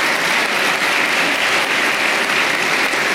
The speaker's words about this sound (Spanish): Le damos un aplauso también al presidente Piñera, en paz descanse.